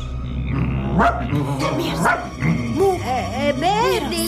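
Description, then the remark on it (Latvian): Dogs inside a home bark in short bursts, then break into a run of high, whiny yips and yelps that rise and fall near the end, over a steady low hum. “Nē, ar suņiem.”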